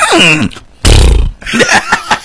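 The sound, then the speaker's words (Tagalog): A person imitates a horse's whinny with a quavering, falling voice, then lets out a loud, rough, breathy burst, followed by a few short, choppy vocal sounds. “Anong tunog sa kabayo kula kami gaman?”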